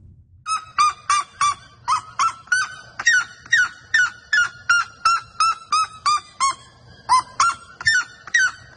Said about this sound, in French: Et il y en a un autre aussi, le Seriama à pattes rouges ou le Cariama cristata.